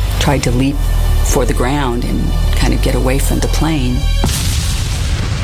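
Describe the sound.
Voices talk over a loud, low rumbling background until a sudden, powerful explosion bursts out near the end, its heavy roar filling the final second.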